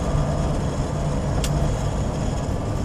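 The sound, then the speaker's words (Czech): A steady, muffled car engine drones inside a moving car as someone lies in it, with a constant low rumble and road hiss and one faint click partway through. No one speaks. “Ležim u autu i sanjam.”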